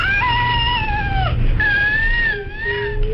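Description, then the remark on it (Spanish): A baby with cri du chat syndrome, a genetic alteration caused by the loss of part of chromosome 5, cries in high-pitched, thin, long, steady wails, loud, resembling a mewing cat, with a brief pause between cries. “Vamos a escuchar el llanto real de un bebé con este síndrome.”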